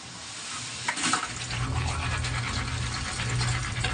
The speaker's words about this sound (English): you put your brush into the inside of the tube and you can kind of scrape up whatever little tiny bit of toothpaste is still kind of caked on the walls